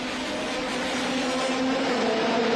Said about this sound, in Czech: Od časného rána zní centrem města dunění nejsilnějších závodních motorů.